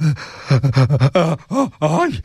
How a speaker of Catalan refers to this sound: Aire, aire, que no podia ni respirar.